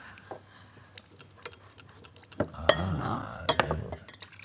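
A few light glass clinks, then a steady pour of fizzy mineral water into a glass of rosemary syrup, with bubbly splashing and more chinks of glass near the end.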